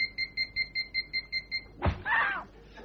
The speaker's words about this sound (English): It is the new police punishment for jaywalkers. Instead of fining them or telling them off, they're driving round and whipping them with wet towels.